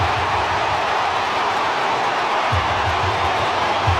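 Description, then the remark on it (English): A dense, steady roar from a large stadium crowd cheering a try at a rugby match involving Newcastle, loud and sustained throughout with no breaks and no single voice standing out. “Listen to this crowd.”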